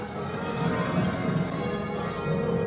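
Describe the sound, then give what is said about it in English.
Church bells at All Saints Cathedral in Bathurst ring in reverse rounds during a practice session, a steady, even succession of overlapping strikes whose tones blend into a rich, continuous peal, with no voices. “Reverse rounds here.”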